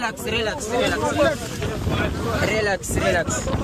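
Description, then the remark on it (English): A gendarme police boat approaches and takes control of a boat on rough, wavy open water in strong wind, with gusts buffeting the microphone and a steady engine drone, while indistinct voices call out over the noise. “The gendarme boat appeared.”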